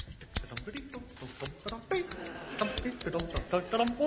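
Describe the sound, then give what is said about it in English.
Scissors snip quickly and repeatedly at string tied around a parcel, making a string of sharp, irregular clicks that run for several seconds, with faint voice-like sounds underneath. “Let me try with the scissors.”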